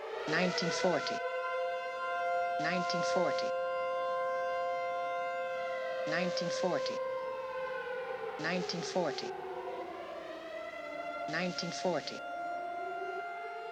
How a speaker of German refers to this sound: Neben diesem quasi ausgehaltenen Hupenton hören wir auch sirenenartige Klänge.